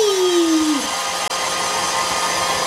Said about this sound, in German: Gut, jetzt mal deine Haare föhnen, komm. Jetzt mach doch nicht so einen Alarm. Wo ist denn der Föhn? Na hier, bitte, da ist er. Dankeschön. Und los geht's. Hui!